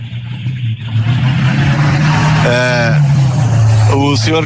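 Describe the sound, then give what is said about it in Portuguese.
A loud, powerful car engine drones steadily and rises slightly in pitch as it revs, with brief bursts of voices breaking in over the roar. “Os caras têm uns carros com os motores, né? Potentes.”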